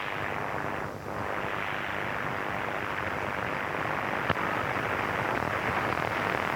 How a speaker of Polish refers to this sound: Zobaczmy może właśnie na tych wstęgach. Może coś tu się będzie, coś się zadzieje. Wejdźmy sobie tutaj. Tu jakieś zakłócenia mamy.